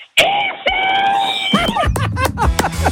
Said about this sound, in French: Mets dans la clôture et je veux que tu hurles le plus fort possible. Je veux que tu hurles ici.